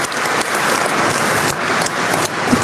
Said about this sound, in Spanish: Un aplauso, Padre Renzo.